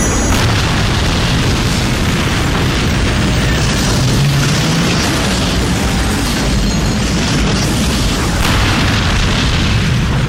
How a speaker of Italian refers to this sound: Che cazzo è? Un'esplosione atomica! Polverizzata!